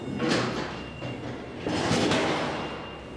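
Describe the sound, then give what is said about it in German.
A heavy insulated door of an old cold-storage warehouse, kept at minus 20 degrees, slides along its track in two broad, rolling pushes, loud, with a low mechanical grind and no voices over it. “Hinter den isolierten Türen sind es minus 20 Grad.”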